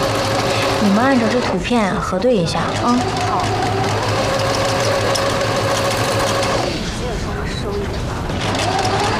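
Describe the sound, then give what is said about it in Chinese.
A sewing machine runs steadily and loudly throughout as clothes are altered and repaired at night, a continuous mechanical whir with a rapid rhythmic hum, while voices briefly rise over it early on. “这三台缝纫机，我就不给你抢了。”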